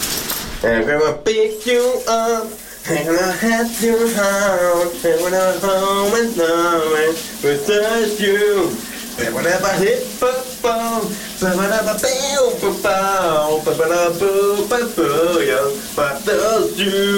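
A man sings a wavering, melodic tune without clear words in the morning while a steady hiss of running shower water pours underneath, the voice echoing slightly.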